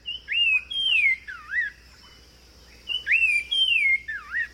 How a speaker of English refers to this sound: Until the 1990s, scientists thought that Nava's wren and sumacrest wren were separate populations of the same species. But listen to the Nava's wren sing.